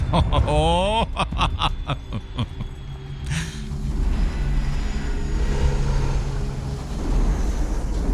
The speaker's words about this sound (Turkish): Şuna bir bak. Kargo uçağı. Görüyor musun? Brezilya'nın.